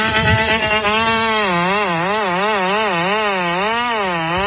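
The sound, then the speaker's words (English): A rideable robotic remote-control lawnmower runs fast with a loud, steady motor drone whose pitch wobbles up and down in a quick, regular rhythm, with no voices over it. “So this is some sort of robot. You can ride it? Looks like remote control, actually. Lawnmower.”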